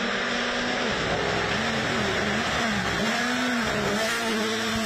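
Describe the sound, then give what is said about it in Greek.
A WRC rally car engine revs hard on a 21.3 km dirt special stage through dense forest from Vlachokerasia in Arcadia, Greece, its pitch climbing and dropping repeatedly with gear changes over a loud, rough roar, with no voices. “Με το πρώτο αυτοκίνητο να εκκινεί από τη Βλαχοκερασιά στις 9 και 19 το πρωί, η διαδρομή των 21,3 χιλιόμετρων έφερε τα αυτοκίνητα του WRC με κορυφαίους οδηγούς κατηγορίας να χάνονται μέσα στο πυκνό δάστος της Κυρίτιδας”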